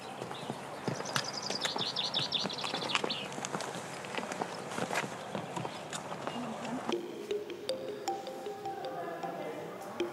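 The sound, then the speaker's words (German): Hooves of a rented donkey clip-clop steadily along a steep footpath to the Psychro cave on the Lasithi plateau, 800 metres above sea level, in an uneven walking rhythm, with a few bird chirps early on and muffled voices in the background. “Für den steilen und etwas mühevollen Fußweg dahin kann man sich auch einen Esel mieten.”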